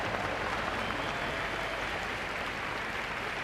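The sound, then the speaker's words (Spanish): A crowd claps unanimously, steadily and continuously after a parachutist of the Spanish Air and Space Force acrobatic parachute patrol (PAPEA) lands, a dense, even wash of many hands applauding at a fairly constant loudness, with no voices rising above it. “Pues ya ven, ha tomado tierra, aplausos... unánimes y bueno, ha cumplido con su misión”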